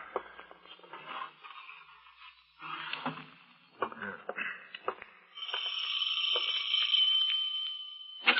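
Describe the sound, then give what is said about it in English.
After a few seconds of shuffling and clattering, a doorbell starts ringing, a steady, bright electric ring that carries on loudly for about three seconds. No one speaks. “I suggest you put the manuscripts away before you answer the doorbell.”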